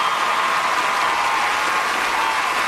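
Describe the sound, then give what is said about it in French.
Steady, dense applause from an audience, a continuous bright wash of many hands clapping at even loudness throughout, with no voices standing out. “Oui, vous pouvez applaudir”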